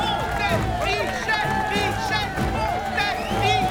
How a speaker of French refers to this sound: Une foule en délire, arrivée des quatre coins du pays, siffle et crie le nom de celui qui, au nom de l'humanité, veut prendre la place d'un boulet de canon.